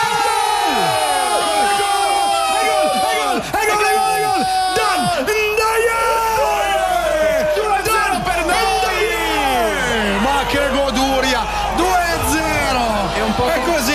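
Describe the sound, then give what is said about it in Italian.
A packed football stadium crowd roars and cheers continuously, dense and loud throughout, with many overlapping yells, whoops and shouted voices rising and falling in a sustained wall of noise. “Senti che delirio! Senti che delirio!”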